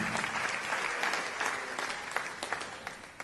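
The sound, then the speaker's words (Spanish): A large audience in the Claro School auditorium claps loudly and steadily for a few seconds, a dense wash of overlapping handclaps with no talking over it. “Amén, así que, ¿cuánto le envían ese saludo? Fuerte aplauso.”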